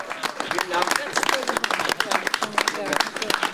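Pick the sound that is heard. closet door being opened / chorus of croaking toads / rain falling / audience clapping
audience clapping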